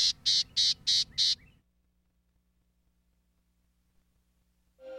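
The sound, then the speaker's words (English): Gnatcatcher calls: five short, bright, raspy notes in quick even succession, fairly loud, followed by near silence with a faint low hum. “It takes time and effort to see all four of these gnatcatchers.”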